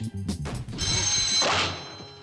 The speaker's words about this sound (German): Das Telefon hat geklingelt. Naja, du hörst es ja. Ja, aber das ist doch praktisch unmöglich. Unsere Leitung ist seit 14 Tagen gesperrt.